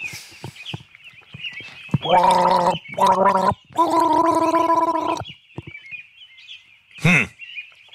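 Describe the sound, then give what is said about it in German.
Someone gargles a short tune of three bubbly notes, the last held longest, loud over a faint steady high-pitched hum, followed by a brief chirp-like sweep. “Du bist ein bisschen, bist schon sehr knausrig geworden beim Gurgeln.”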